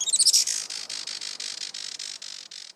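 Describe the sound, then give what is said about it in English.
A Juan Fernandez firecrown hummingbird gives high, thin calls, opening with a bright squeaky trill and then a steady run of rapid buzzy chips, with no talking. “Today, conservationists with Oikonos ecosystem knowledge are working to restore the island's native forests and to ensure a bright future for the Juan Fernandez firecrown.”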